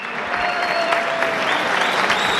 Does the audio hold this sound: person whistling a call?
no